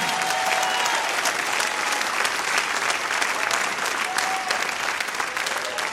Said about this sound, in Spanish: Si le va a aplaudir, apláudale fuerte al Señor.